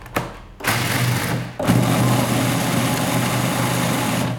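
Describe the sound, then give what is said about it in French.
A blender whirs loudly on a first round of grinding 150 grams of peanuts into powder. A brief start is followed by a short pause, then the motor roars back into a steady, rough, high-pitched grind with a low hum beneath. “C'est 150 grammes qu'on met dans son mixeur. Et on va faire un premier tour de mix pour les réduire en poudre.”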